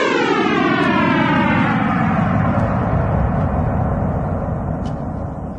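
A loud, continuous synthesized roar with harmonic bands sweeping slowly downward, like a huge engine winding down, holding steady in volume before easing slightly at the end. No one speaks. It is a sonification of the Big Bang, starting at the Planck wall, 10^-43 seconds after time zero, 13.7 billion years ago.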